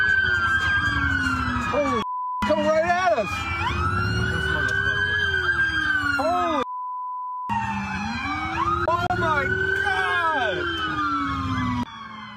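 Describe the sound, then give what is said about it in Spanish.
Several police sirens wail and yelp loudly at once as dozens of patrol cars chase a suspect onto a golf course in Ohio, rising and falling over a rumble of engines, with faint voices underneath and two brief steady beep tones cutting in. “Un sospechoso de intento de homicidio irrumpió en el campo de golf mientras huía de las autoridades, seguido por decenas de patrullas.”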